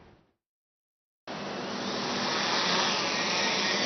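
A Hong Kong Police drone, used for traffic enforcement monitoring, starts its motors abruptly after a brief silence and settles into a loud, steady whirring buzz with a low hum underneath, growing slightly stronger as it lifts off. No one speaks.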